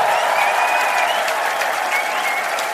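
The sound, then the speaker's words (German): A large audience on an ARD television show for the SWR applauds steadily as a six-year-old singer from Stuttgart comes on, a loud continuous wash of dense clapping with a faint crowd murmur underneath and no voices standing out, holding an even level throughout. “Schau mal, du kriegst einen riesen Applaus.”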